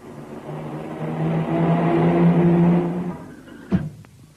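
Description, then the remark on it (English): A car engine swells as it approaches and passes by, its steady hum fading away, followed by a sharp thump near the end as the car knocks down Willy Weasel. No one speaks. “Willy has been knocked down by a car!”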